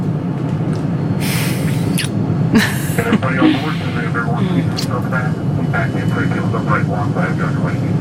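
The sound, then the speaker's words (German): A steady, loud airplane engine drone fills the cabin without pause, a deep rumble with a few brief rustling bursts and faint muffled voices beneath it. “Zum ersten Mal in meinem Leben stieg ich in ein Flugzeug.”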